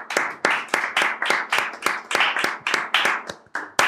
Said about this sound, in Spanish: ¿Quieres un poquito de. ¿Un aplauso? Sí, pues igual estaría mal. Igual sí.